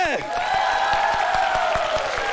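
An audience breaks into steady applause, a dense wash of clapping with faint rhythmic claps standing out, alongside a sustained tonal sound like music or cheering.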